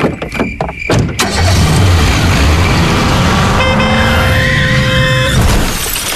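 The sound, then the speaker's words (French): A few sharp knocks, then a car engine roars steadily, and a long car horn blares for nearly two seconds over the engine noise, as a car crashes head-on into an oncoming car. “Dans la voiture qui arrivait en face, une famille rentrait simplement de vacances. Elle n'est jamais rentrée chez elle.”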